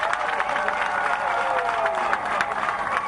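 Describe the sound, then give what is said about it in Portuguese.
An audience applauds steadily for the full three seconds, a dense, even wash of many hands clapping, with faint voices or cheers blended underneath, applauding the cultural groups who danced. “Quero pedir uma grande salva de palmas para eles.”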